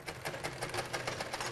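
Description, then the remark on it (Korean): A sewing machine runs steadily in a family home, worked by the mother, its needle stitching in a quick, even rhythm of repeated clicks over a low motor hum, with no voices. “아이들을 학교에 보낸 집에선 재봉틀 소리가 가득합니다.”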